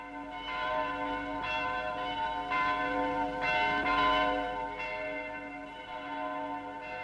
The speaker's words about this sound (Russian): Вы знаете, от чего такой перезвон? Да ведь сегодня Николин день.